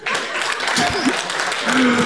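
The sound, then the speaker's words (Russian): Thin, scattered pity applause from a small audience, about seven claps after a comedian mentions his appearances on Comedy Battle on TNT, a few hands clapping unevenly for about two seconds at moderate volume, with a brief murmur of voices underneath. “7 аплодисментов из жалости.”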